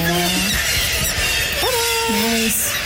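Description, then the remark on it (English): A kittiwake squawks loudly while being caught, giving a few drawn-out, wavering calls that rise and drop in pitch over a steady rushing background. “Yeah, that bird is getting caught.”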